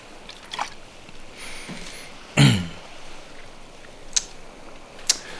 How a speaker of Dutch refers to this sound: Ik ga even een slokje water nemen, dat lijkt me een goed, want het is een behoorlijke brok.